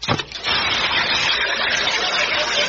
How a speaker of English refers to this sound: drop this here alkali water tablet into this here glass, and I want you neighbors to listen to it fizz